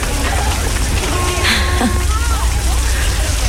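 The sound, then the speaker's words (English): Steady, loud rain falls in a dense, constant hiss, while faint, indistinct voices and a few brief tonal sounds drift underneath. “Everyone's trying to get out of the rain.”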